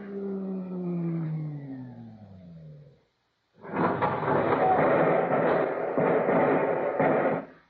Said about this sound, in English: Wait. There's another car rising in the tube. Stand aside.